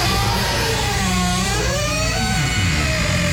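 A squeaky door hinge in a house in Maui gives a long, deep, groaning creak whose pitch bends and wavers as it swings, loud and continuous over a low rumble, with no voices.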